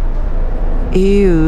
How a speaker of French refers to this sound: Alors là, on s'est amusé à pousser des cris.